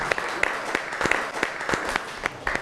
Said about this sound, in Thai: ไปรับชมผลงานขนมหวานจานที่10กันครับขอเสียงปรบมือหน่อยครับ